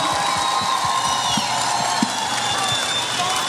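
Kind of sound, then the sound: crowd, audience applause and cheering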